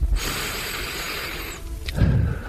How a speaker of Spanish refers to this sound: antes de hablar, antes de decir muy buenos días o buenas tardes o lo que sea, él tomaba aire